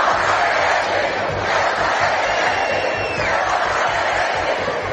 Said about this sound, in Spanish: Miles de madrileños salieron a la calle al grito de Ceuta no se vende, Ceuta se defiende.